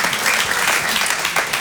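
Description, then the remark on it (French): A crowd claps steadily, a dense, sustained burst of applause that stays loud and even throughout, with no voices standing out. “Ça vaut le coup d'applaudir, c'est marrant.”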